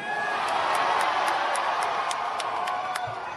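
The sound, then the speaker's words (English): A large crowd in Hall H erupts in a loud, sustained roar of cheering and screaming at the announcement of Ryan Gosling as Ghost Rider. The roar holds steady for several seconds, with sharp high accents flickering through the din at a quick, regular pace. “But here's the big announcement. You can hear the crowd reaction.”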